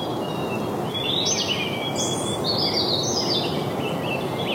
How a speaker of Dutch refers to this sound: Volgens mij hoor ik in de verte al één vogel beginnen. En dat is vaak inderdaad een van de eerste. De roodborst.